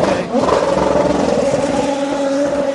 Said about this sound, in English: Another beautiful sounding race car, isn't it? It's got fresh tyres, it's got a tank of fuel.